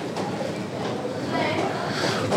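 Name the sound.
train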